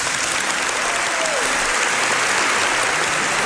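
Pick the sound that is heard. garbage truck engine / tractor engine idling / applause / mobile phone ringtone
applause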